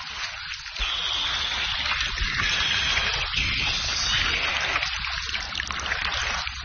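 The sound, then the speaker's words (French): Steady rain falls with a continuous, even hiss of drops, moderately loud, with no voices and no breaks for the whole stretch. “Et la petite pluie du bon Dieu n'a pas cessé.”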